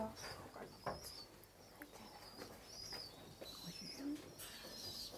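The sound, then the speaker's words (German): Soft, low cooing of a pigeon with a drooping wing, found on a sidewalk and brought to an animal shelter, surfaces briefly over a steady background hiss with a faint high-pitched whine, the cooing quiet rather than loud. “Die Taube soll im Tierheim schnell untersucht werden.”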